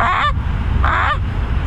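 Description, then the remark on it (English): A kid imitates a Canada goose with two loud, nasal honks, separated by a short pause, over a steady low background rumble. “The Canada goose.”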